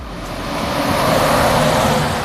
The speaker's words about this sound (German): LKW an LKW rauscht vorbei. Die Bundesstraße 400 teilt das Dorf Ulfen in zwei Teile.